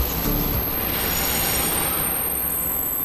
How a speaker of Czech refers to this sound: Na kladenské hlavní nádraží přijel vlak, který míří do pražských Bubnů.